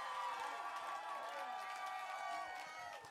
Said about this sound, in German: Nochmal einen riesen Applaus für Effie Beast.